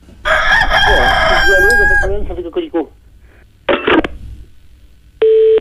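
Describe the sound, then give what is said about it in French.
A rooster crows loudly in one long, strained call that trails off into a few broken notes, followed by a short burst of noise and a brief electronic tone. “J'entends un coq, monsieur.”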